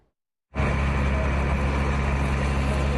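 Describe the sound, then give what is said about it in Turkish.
After a brief silence, a loud, steady rumble of a heavy passenger bus engine and passing highway traffic kicks in abruptly and continues without a break; the bus travels from Hatay toward Gaziantep in the Nurdağı district of Turkey. “Yolcu otobüsü kaza yaptı.”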